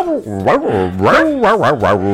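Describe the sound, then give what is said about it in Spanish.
A person imitates a dog with a run of loud vocal barks and yelps, about five quick voiced bursts rising and falling in pitch, clearly a human voice mimicking barking. “Perroso, que hago a veces.”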